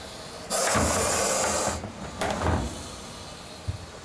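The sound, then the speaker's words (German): A Gaboon viper, being packed into a box, hisses in two loud, breathy bursts, the first long and steady like a steam iron venting, the second shorter, followed by a faint low knock. “Das quittiert sie mit merkwürdigen Geräuschen. Klingt fast wie ein Dampfbügeleisen.”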